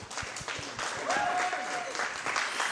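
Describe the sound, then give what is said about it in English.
A Catholic audience claps steadily to welcome a speaker, a dense crackle of many hands at a fairly loud, even level, with a short, high, rising cheer or whistle cutting through the middle. “I love forced applause.”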